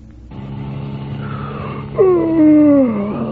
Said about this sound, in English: That yawn can result from long, boring hours behind the wheel. It's a danger signal that calls for no doze.